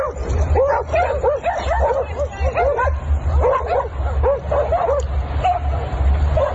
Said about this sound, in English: The dogs then came to the rescue, barking and chasing the man away.